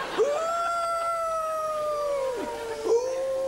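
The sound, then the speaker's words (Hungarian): A long, drawn-out wolf howl holds a steady mournful pitch for about two seconds, dips away, then a second howl begins to rise, clear, with no talking. “Hallod? A konyhába benn vannak a farkasok.”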